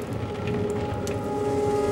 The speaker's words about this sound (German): Und bis auf den Regen, der gegen die Fenster prasselt.